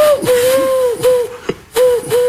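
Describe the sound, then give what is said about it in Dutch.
A comedian on De Slimste Mens België imitates a pigeon's call with breathy, cooing hoots, a steady mid-pitched tone broken by short airy gasps into three or four phrases, with no talking. “Die kan wel heel goed vogels nadoen.”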